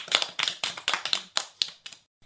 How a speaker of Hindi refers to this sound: जोरदार तालियां।